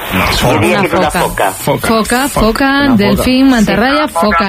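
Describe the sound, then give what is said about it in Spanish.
A Mediterranean monk seal calls in a loud series of wavering, moaning cries that rise and fall in pitch, running almost continuously with only brief breaks. “Bingo para la foca.”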